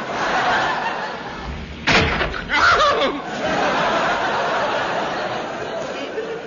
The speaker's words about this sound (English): One good clout on von Guten's big steaming nut sufficed.